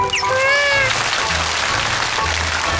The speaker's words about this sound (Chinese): 掌声送给他。